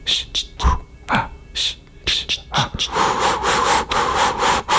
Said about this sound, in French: On entend le chien qui trottine.